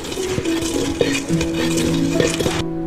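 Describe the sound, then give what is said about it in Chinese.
Tea leaves being ground to a fine powder in a basin made for lei cha porridge, held on the lap while seated: a continuous rough scraping with occasional knocks and a faint ringing tone from the bowl, steady and fairly loud, stopping abruptly near the end. “对，直接把茶叶放在这里面， 把它擂碎。”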